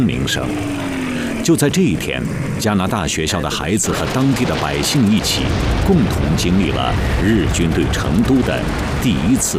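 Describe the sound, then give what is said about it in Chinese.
Repeated heavy booms and sharp blasts ring out amid a chaotic mix of voices, loud and continuous throughout: bombs exploding during the first Japanese bombing raid on Chengdu, China, on 8 November 1938. “就在这一天，加拿大学校的孩子和当地的百姓一起，共同经历了日军对成都的第一次大轰炸。”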